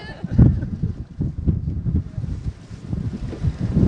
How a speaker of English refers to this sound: Are you getting good wind sounds? What's that? There's no such thing as a good wind sound.